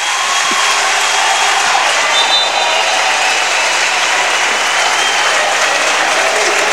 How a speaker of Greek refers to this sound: Όλο το γήπεδο σηκώθηκε για να χειροκροτήσει τον Αζάια Πέιν σε αυτό το λάθος που έκανε.